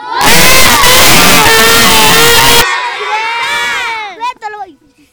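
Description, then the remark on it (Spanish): A loud crowd of children shouts together in a sustained, high-pitched group cheer, a 'bombita' for the Monseñor Cleto Loaiza school, for a few seconds, then the voices drop away into scattered trailing calls and whoops before fading out. “¡Una bombita para la escuela Monseñor Cleto Loaiza!”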